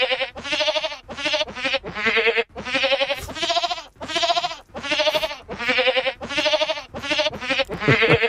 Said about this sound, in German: Da klingt ziemlich speziell, ne, wenn so eine Ziege singt. Aber ich finde, die Melodie erkennt man schon ganz gut, oder?